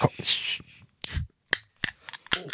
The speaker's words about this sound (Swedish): Jag har ju en liten tradition, det är ju att varje fredag så måste jag ju öppna min hallonsoda.